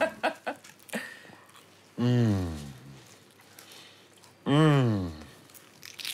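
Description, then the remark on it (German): A few quick, crisp crunches of someone biting into a flaky croissant, followed by two long, drawn-out hums of enjoyment while chewing. “Darf ich reinbeißen?”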